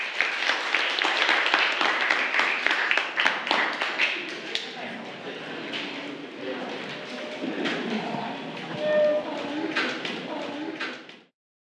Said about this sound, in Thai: เดี๋ยวคุณครูจะให้นักเรียนต้นทางนะคะอาสาสมัครออกมาสรุปความแตกต่างของเรื่องเล่าที่แบบ100แก้วและ100กรองหน้าชั้นเรียนปรบมือให้กับเพื่อนตัวแทนด้วยค่ะ